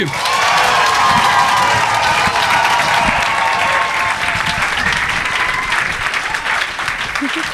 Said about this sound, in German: Natürlich eine Lokalmatadorin aus der Metropole Schwäbisch Hall für euch mit ihrem ersten Auftritt. Klatscht sie mit einem 10-Punkte-Applaus hier nach oben.